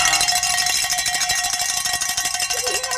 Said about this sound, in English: Grab that bell. Oh. Give it a workout.